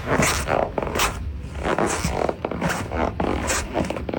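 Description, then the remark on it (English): Sticky skin squeaks and rubs against a leather chair while moving, in a run of six or seven rasping, scratchy bursts at an uneven rhythm. It is fairly loud and heard alone with no talking. “I thought it was somebody, you know, when you get sticky in the hot days and you're in a leather chair and you try to move and your skin grips the leather and it makes that squeak noise?”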